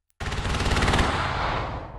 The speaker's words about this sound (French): Au-dessus de la mer, des obus illuminent le ciel noir. Le bruit est assourdissant. Sur la plage, les militaires courent en direction des canons.